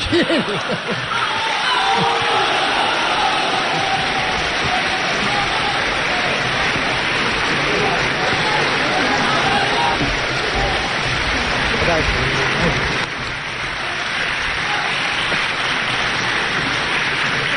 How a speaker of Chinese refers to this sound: 哎呀，您这一鼓掌啊，我心里特别不舒服。